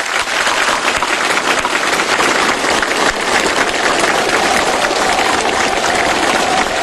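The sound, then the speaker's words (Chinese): Loud, sustained applause from a large audience, including Xi Jinping and Kim Jong Un, for the actors after a performance that closed with a song of China–North Korea friendship, a dense steady wash of clapping that holds at the same level for about seven seconds with no voices. “习近平和金正恩对演员们的精彩表演频频鼓掌致意。”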